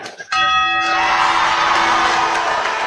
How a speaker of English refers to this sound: So, got to ring that bell. Who's going to do the honors?